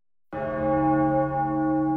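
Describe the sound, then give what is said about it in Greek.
A single deep church bell strike rings out after a brief silence, its rich harmonic tone sustaining and slowly humming on without fading, heavy, solemn and mournful, with no voices present. “Πένθυμος ερχόταν ο αχός από τις καμπάνες που χτυπούσαν μέχρι το αντέρισμα που πολεμούσαν ακόμη οι αντριωμένοι.”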